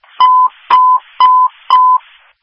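Four loud, evenly spaced electronic tones, each a steady beep of about a quarter second with a sharp click at its start, repeating in a regular pattern with no voices. Fire dispatch alert tones for Cordell High Fire and Delphi Fire, sent to a fire alarm at Hammerhack Apartments, 4400 Holt Road.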